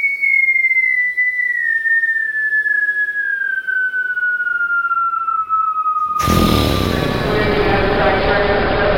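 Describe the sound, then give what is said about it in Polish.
A long, clear whistle tone holds for about six seconds, sliding slowly downward in pitch, then cuts abruptly into busy railway station bustle just after 11 o'clock, with many people hurrying past, overlapping voices and clatter. “Jestem na dworcu kolejowym. Mija mnie mnóstwo ludzi.”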